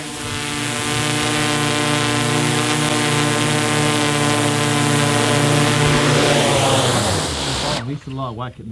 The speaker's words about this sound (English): Time to bring the drone home.